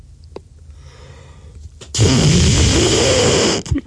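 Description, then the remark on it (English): After a quiet stretch, a voice imitates a fart: one loud, buzzy, sputtering raspberry lasting over a second, ending abruptly with a short flutter. “Could you please make three more fart noises?”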